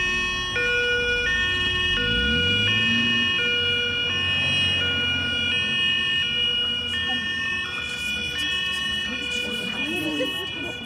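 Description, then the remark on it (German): An ambulance drives off after its doors are closed, its two-tone siren alternating steadily between high and low pitches, loud, while the vehicle's engine rumbles and revs as it pulls away. “Die Türen wurden geschlossen und der Krankenwagen fuhr los.”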